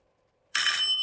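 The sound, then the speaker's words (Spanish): A doorbell rings loudly, one sustained bright metallic ring that starts abruptly after a short quiet moment and keeps buzzing to the end, with no talking. “está sonando el timbre.”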